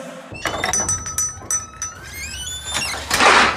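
A kitchen drawer slides open with a squeaky, rising scrape and a few clinks of items shifting inside, ending in a soft thud, with no talking.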